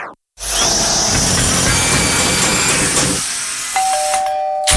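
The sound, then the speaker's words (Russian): Loud hammer drilling from renovation work grinds continuously for about three seconds, then cuts off, leaving a quieter hum and a sustained electronic ringing tone near the end. “Да сколько можно долбить? А когда мне еще ремонт делать?”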